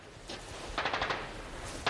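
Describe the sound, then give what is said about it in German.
Machine gun fire as the enemy returns fire, shooting at houses: bursts crackle in rapid, uneven volleys, a quick string of sharp reports in the middle followed by another short burst at the end, with no voices. “Sie erwidern das Feuer.”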